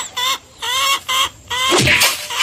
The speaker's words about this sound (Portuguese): Ah, galinha desgramada.